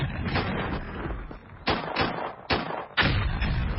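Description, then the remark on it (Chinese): Rumbling artillery fire coming from the south: a continuous low roar punctuated by about five heavy booming blasts at irregular intervals, fairly loud, with no voices present. “说话间，从南边传来了隆隆的炮声。”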